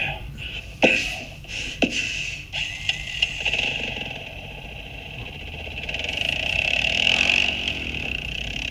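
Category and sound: vehicle, moped engine running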